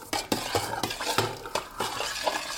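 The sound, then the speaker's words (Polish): A utensil stirs melted fat and honey in a pot, making a steady series of scraping, knocking strokes against the metal sides, fairly loud, with no one speaking. “Przemieszam sobie więc jeszcze raz tłuszcz z miodem.”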